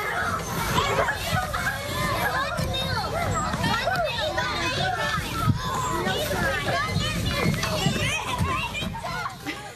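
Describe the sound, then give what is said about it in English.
Lively children at play, a dense babble of young voices calling, shrieking and chattering over one another, with steady busy noise throughout and occasional louder shouts. “Favourite sounds, how about children playing?”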